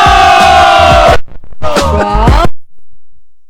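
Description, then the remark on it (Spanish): A crowd cheers loudly in two bursts of whooping and yelling, the first about a second long and the second slightly shorter, then the sound cuts off to silence. “¿Qué pasa con esos aplausos?”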